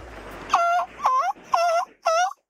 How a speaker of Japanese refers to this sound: カモメはどうやって鳴くんだ。